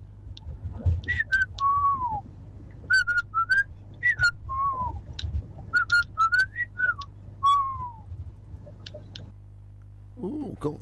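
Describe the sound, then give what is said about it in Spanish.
Someone whistles a quick series of short, warbling notes in bursts, some pitched up and gliding down, clear over a low steady hum, with a brief voice near the end. “Allá están chiflando.”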